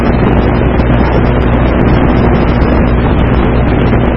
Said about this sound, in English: That thing's flying very low. I don't know if you can hear him. I don't know about that helicopter there. He is definitely going to land somewhere. He is very low.